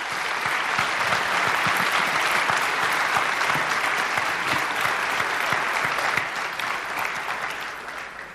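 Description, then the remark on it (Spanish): A large audience claps steadily for several seconds to thank a team, dense overlapping applause at a strong, even level before tapering slightly toward the end. “¿Y por qué no les dan un aplauso, por favor?”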